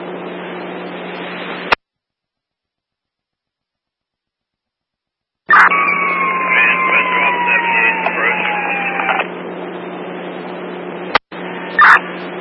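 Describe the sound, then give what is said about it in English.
Sirens of fire engine 33 wail as it approaches, heard for a few seconds through a narrow, crackly radio-like hiss, set between brief dropouts of silence and short bursts of static. “33 engines approaching.”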